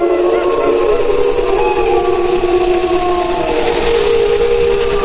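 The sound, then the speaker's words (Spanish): A wolf pack howling to one another, several long wavering tones overlapping and sliding in pitch, sustained at a steady, fairly loud level for about five seconds with no talking. “Sí, claro, las manadas, los lobos, bueno, ya hablaremos de eso más adelante, pero los lobos aullan entre ellos, ¿no?”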